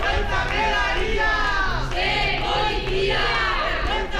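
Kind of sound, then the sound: crowd, crowd shouting at police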